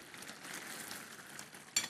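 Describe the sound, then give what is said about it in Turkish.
Chicken sizzling in a pan, a steady crackling hiss across the whole clip with one sharper burst of spatter near the end. No one speaks. “Tavuk nasıl cızırdıyor?”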